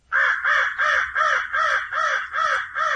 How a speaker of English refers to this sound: Then there are the birds of prey. Commonly heard are the crow